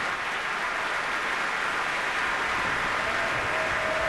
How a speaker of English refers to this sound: the applause for the Cleveland Orchestra continued for several more minutes with great appreciation for their performance of the Verdi Requiem